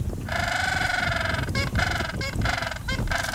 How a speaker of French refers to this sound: Le candidat idéal, le manchot papou. Ce petit pingouin d'Antarctique, de 80 cm tout de même, est aussi surnommé pingouin âne, du fait de son cri. Jugez plutôt.